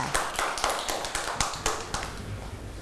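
A group of children clapping their hands in a quick, uneven patter of sharp claps, steady and close for a few seconds, with no talking over it.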